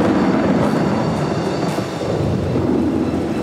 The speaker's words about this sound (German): Dadurch dehnt sie sich rasend schnell aus, oft schneller als der Schall. Dann durchstößt die Luft die sogenannte Schallmauer. Und das können wir hören. Es gibt einen lauten Knall. Es donnert.